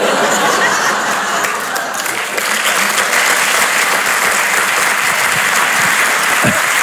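Sustained applause from a large audience, many of them women, dense and steady throughout, with a few scattered chuckles mixed in and no one speaking over it.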